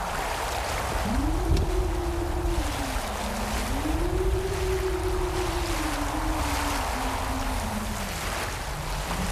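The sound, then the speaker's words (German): A rough, stormy sea roars steadily with crashing waves and gusting wind as a storm rises under thick black clouds, while a low howling tone rises and falls across the whole stretch; no one speaks. “Pfeilschnell segle ich durch die Böen.”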